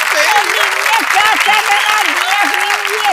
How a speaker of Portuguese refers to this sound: Aplausos pra mim.